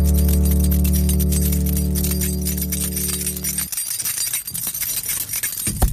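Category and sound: household object, keys jingling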